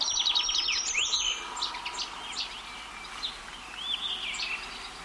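A short-toed treecreeper (Certhia brachydactyla) sings a quick run of high, thin notes, followed by scattered shorter chirps and calls over a faint steady background hiss.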